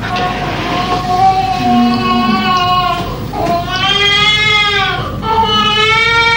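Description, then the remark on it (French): A newborn baby, just born, cries in long, wavering, high-pitched wails that rise and fall, loud and steady, pausing briefly twice before starting again. “Voilà, bébé qui arrive au monde.”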